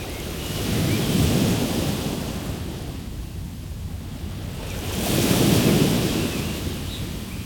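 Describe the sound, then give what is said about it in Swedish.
Sea waves surge and crash against the coastal rocks with steady wind blowing, two big swells building around the first and sixth seconds, loud, with no voices. “Du hör vind och bölgan som slår upp mot bergen här.”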